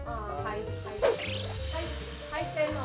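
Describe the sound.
Figs and then red wine sizzling in a still-hot pan to make a sauce: steady sizzling, a continuous hiss running beneath a person speaking, with a brief swell of bubbling partway through.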